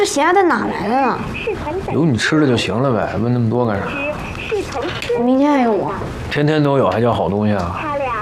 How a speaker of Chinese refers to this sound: 旁边有两只小青蛙。